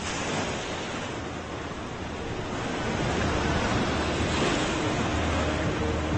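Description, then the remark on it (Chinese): Heavy ocean surf crashes and roils continuously against the rocks where fur seals live, a dense, roaring wash of water that swells louder around the midpoint, with wind adding to the turbulent noise and no voices. “浪涛汹涌冲击着海狗们的礁石，曾经平静的育儿池也逐渐充满了大漩涡。”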